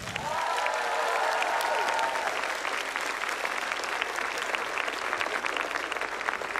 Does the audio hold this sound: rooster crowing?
no